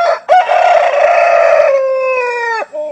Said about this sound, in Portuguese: Enquanto este galo canta